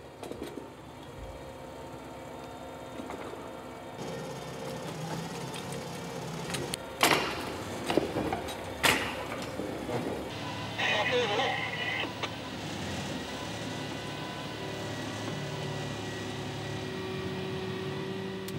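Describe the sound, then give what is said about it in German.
A work train rolls beneath a rail crane gantry wagon on the Cologne–Frankfurt high-speed line, the crane travelling the opposite way at the same speed while old rails are collected; a steady mechanical rumble and whine with a few sharp metallic clanks and squeals partway through, continuous. “Der Zug fährt unter dem Maikäfer los und der muss mit der gleichen Geschwindigkeit entgegengesetzt fahren.”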